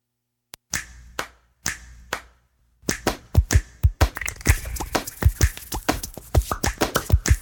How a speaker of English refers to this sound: Hands can do incredible things. They made every sound in this piece of music.